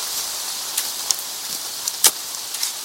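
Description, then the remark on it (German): Steady rain patters on rain-soaked ground where two men are digging with spades, a soft even hiss with scattered sharper drops. No voices, just the continuous wet rustle. “Laumann und Hamann hatten Mühe, den vom Regen durchtränkten nassen Boden auszuheben.”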